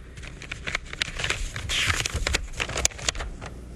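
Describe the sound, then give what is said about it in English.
Crisp paper crackling and rustling in irregular bursts as a letter is torn open and unfolded, with sharp crinkles and a brief louder rustle midway, no voices. “here's a letter. Oh, let me have it.”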